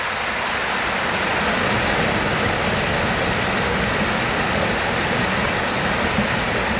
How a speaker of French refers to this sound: Et puis le chant du ruisseau. Il voilà. Faut qu'on l'écoute, le chant du ruisseau.